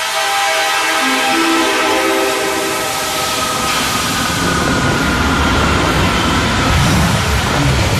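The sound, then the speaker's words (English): A train rolls steadily along the world's highest railway toward Lhasa, loud, with a dense rumble, rhythmic wheel clatter and sustained horn-like tones over the first half. No one speaks. “The world's highest railway carries us onward.”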